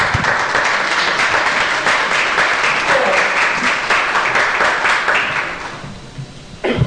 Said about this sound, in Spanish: ¿Cuántos le dan un aplauso a Jesucristo?